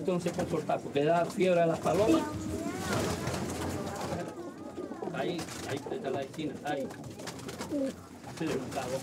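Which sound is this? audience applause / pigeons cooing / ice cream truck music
pigeons cooing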